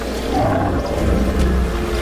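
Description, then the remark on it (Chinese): A mastodon, slightly shorter but stockier than modern elephants, in a North American valley, gives a deep, rumbling roar that rolls on steadily for about two seconds, heavy in the low end with a rough, growling texture and no voices over it. “一头乳齿象，乳齿象比现今的大象稍矮，但体格更为敦实。”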